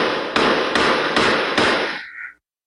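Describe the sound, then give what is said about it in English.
Four sharp gunshots crack out at a steady, quick pace over a constant harsh hiss, with no voices, then the noise cuts off abruptly; surveillance footage obtained by City News of shots fired overnight at apartment buildings on Thorncliffe Park Drive. “That the sounds of gunshots being fired from surveillance footage obtained by City News.”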